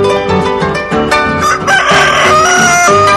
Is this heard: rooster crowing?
yes